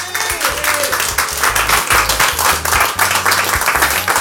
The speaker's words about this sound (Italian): Dai, su, facciamo un altro applauso.